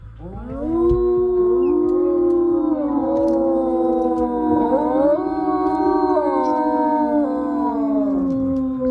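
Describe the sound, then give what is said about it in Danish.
Several wolves in Denmark howl together in a sustained chorus, long sliding tones overlapping and rising and falling for the whole stretch, fairly loud with no talking. “I dag, der er vi jo ude i Ulveland, og det handler jo altså om lyden, og for nogen også frygten for dem her.”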